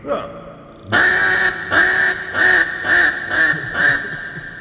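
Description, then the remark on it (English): A duck call blown in a loud, raspy run of quacks, one long note followed by about five rhythmic, evenly spaced quacks. “the quack daddy of all duck calls, how to do something different.”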